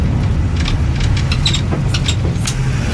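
A steady, loud low engine rumble fills the interior of a moving bus heading to Sauzon in the north of the island on 22 July 2014, with faint rattles and clicks scattered over the drone and no one speaking.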